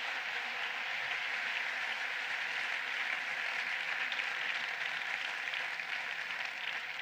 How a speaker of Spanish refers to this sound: Así que muchísimas gracias y por favor, dadles un aplauso a todos.